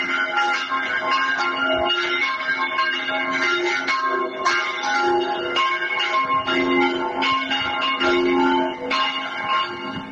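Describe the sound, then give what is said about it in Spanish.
Three church bells of a church in the Soto de la Marina area ring at once in a dense, overlapping peal, their clanging strikes layering continuously at a steady loudness for the whole stretch, with no voices present. “Pues es el sonido de las campanas, hasta tres a la vez, de la iglesia de la zona de Soto de la Marina.”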